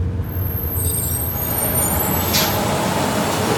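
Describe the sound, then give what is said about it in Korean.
A bus rumbles to a halt, high squealing brakes giving way to a sharp hiss of air brakes released midway, over steady low engine noise. No one speaks. “버스가 멈추자 급히 내린 승범은 마을로 이어지는 농로를 걷는 수정을 향해 뛰었다”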